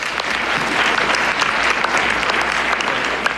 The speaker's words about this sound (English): Give him a round of applause. Make some noise.